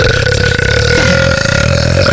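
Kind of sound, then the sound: human body sound, loud burp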